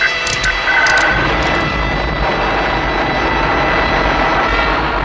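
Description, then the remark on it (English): A loud, sustained engine roar as a spacecraft ignites and jets toward the Diaton star city, Imbria: a dense rumbling rush with a few brief high hissing bursts at the start, then a steady powerful thrust. “As John, Buddy, Mara, and Dr. Rossiter jet toward the Diaton star city, Imbria”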